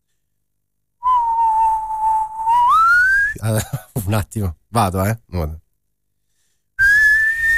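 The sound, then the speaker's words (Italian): On Radio Puglia, someone whistles a song's intro, holding a steady note before sliding higher, then stops while a man speaks briefly, and the clear whistling picks up again at a higher pitch, moving on to the chorus. “Adesso mi impegno, Vi fischietto questa canzone.”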